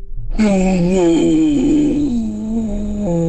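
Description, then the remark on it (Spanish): A woman's voice imitates an elephant with a single sustained, wavering trumpet-like call, loud, lasting about three seconds with a nasal, buzzing quality and slight pitch dips. “Qué bien le hace al elefante.”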